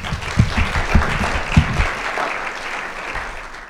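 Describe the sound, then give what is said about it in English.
A crowd at a City Club of Boise event breaks into sustained applause for everyone who made the night possible, a dense wash of many hands clapping at once, with a few sharper claps standing out early before it gradually thins and fades. “If we could give them a round of applause.”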